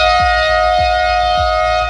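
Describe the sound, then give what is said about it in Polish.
A car horn, one of the car's two horns, blares in one loud, unbroken blast at a steady, fairly high pitch, held for the full two seconds, with faint low rumbling pulses repeating underneath. “No to teraz ten klakson proszę nam zaprezentować. Jeden z dwóch.”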